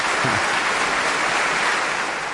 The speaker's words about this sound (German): Ja, mit dem Beifall hatte ich jetzt nicht mehr gerechnet.